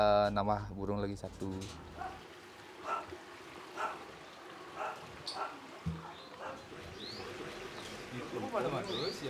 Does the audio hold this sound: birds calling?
yes